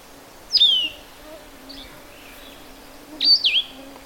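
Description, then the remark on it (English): A blue-headed vireo, formerly called solitary vireo, sings two short, slurred whistled phrases, one near the start and another about three seconds later, clear against a quiet background with a faint low hum. “But they changed the name to blue-headed vireo, and it's appropriate.”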